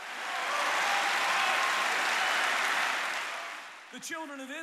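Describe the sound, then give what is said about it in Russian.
A crowd claps steadily in a dense, sustained wash of applause for several seconds, fading as a voice starts speaking over the final moments. “Хлопайте в ладоши, верьте в Бога.”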